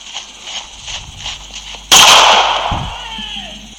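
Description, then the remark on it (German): A single loud gunshot, fired by a woman and hitting a man, cracks suddenly over a quiet, pulsing background, then rings out with a long, fading echo and a low thud shortly after. “Ein Schuss, oh Gott.”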